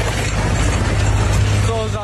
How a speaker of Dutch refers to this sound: die reed met zijn ploeg achter zijn tractor over zo'n 200 meter vers asfalt